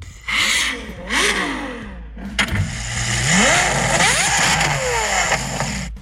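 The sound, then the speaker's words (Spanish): A Ferrari sports car engine revs loudly in repeated rising bursts, its pitch climbing and falling through several throttle blips with a raspy, high-pitched howl. No one speaks. “¿El primero es Ferrari? Sí.”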